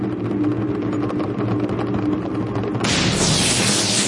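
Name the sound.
thunder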